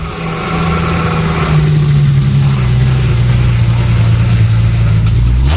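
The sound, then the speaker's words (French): A BMW rally car, car number 000, idles loudly at the start of a rally special stage, a steady low rumble with a droning tone that sinks slightly in pitch before a small rise at the end. No one speaks. “voiture numéro 000, on est sur BMW là à présent, et on va commencer enfin à sentir cette odeur d'essence brûlée.”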